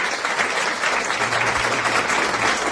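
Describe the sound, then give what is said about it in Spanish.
Steady applause from a group fills the moment, a dense, continuous patter of clapping at an even level throughout, with no voices on top. “Mira, eso merece, no sabes, aplausos.”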